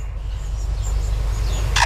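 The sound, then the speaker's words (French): A lyrebird in Australia mimics a camera shutter: faint high chirps over a low rumbling background, ending in a sharp, bright mechanical click. “cet oiseau lire qui imite à la fois un appareil photo et ensuite une alarme de voiture et des tronçonneuses”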